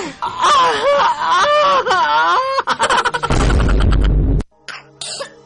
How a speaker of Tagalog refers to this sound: Ubo ng anak, nakababahala, baka plema.